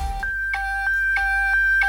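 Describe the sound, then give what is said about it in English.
A Nokia mobile phone ringtone: clear electronic beeps alternating between two pitches in a steady pattern, each change marked by a soft click, over a low constant hum with no talking. “Nokia ringtone.”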